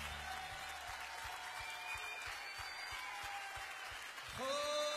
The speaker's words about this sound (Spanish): Aplaudale a él.